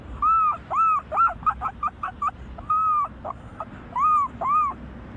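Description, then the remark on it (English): A 12-year-old boy imitates a herring gull's call: a few drawn-out, arching cries, then a quick run of short yelping notes, then more long wails, loud with no talking. “The herring gull.”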